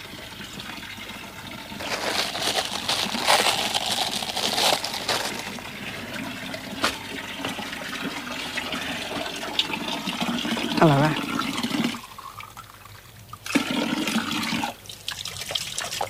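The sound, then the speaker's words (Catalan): Water runs in a steady gush from the Font Nova spring fountain as a glass is filled, the flow lasting several seconds before easing off, with a brief spoken remark. “Toca madera i si li sembla anem a tocar un poc l'aigua, jo tinc ganes.”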